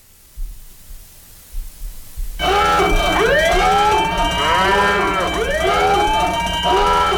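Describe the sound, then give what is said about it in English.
A sports talk show's hot take alarm sound effect, a loud siren-style alarm, blares in suddenly after a couple of seconds of low rumbling, its pitch swooping up and down in repeated wailing arcs with a harsh, buzzy tone. “There's our hot take alarm.”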